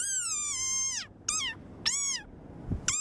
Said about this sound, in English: The speckled, sand-coloured desert rain frog became an internet sensation and was dubbed the world's cutest frog because of its squeaky voice and comically grumpy expression. It can only be found in the wild in a narrow stretch of coastal sand dunes